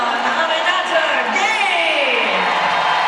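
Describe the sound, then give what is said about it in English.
A large arena crowd at Chase Center roars with sustained applause and cheering as Aminata Gay checks into the basketball game, a dense, loud wash of clapping and shouting with rising whoops, continuous for about three seconds with no talking over it. “And I bet she is going to get a huge round of applause here at Chase Center as Aminata Gay hits the floor.”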